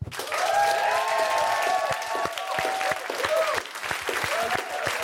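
A crowd claps steadily and loudly for about five seconds for the winner of a drama battle, dense and continuous, with high whooping cheers and whistle-like voices rising and falling over the applause.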